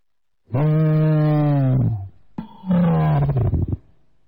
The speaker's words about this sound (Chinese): 当陈震刚刚坐回毡子的时候，在不远处山坡上 传来凄凉悠长的狼嚎声。